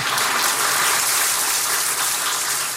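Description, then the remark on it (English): Sustained applause from a large crowd at an event in Ghana, following a speaker's remarks, a dense, steady wash of clapping that stays loud and even throughout, with no voices rising above it. “Please, one more time, a round of applause.”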